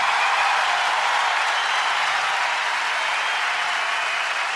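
Sustained applause from a large concert audience for the arranger, at a performance with the Orquesta Sinfónica Nacional and maestro Gerardo Gandini. A dense, steady wash of many hands clapping at full volume throughout, with no talking over it.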